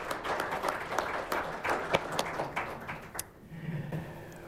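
An audience applauds steadily, many hands clapping in a dense, rippling wash that continues for several seconds before thinning out and fading toward the end.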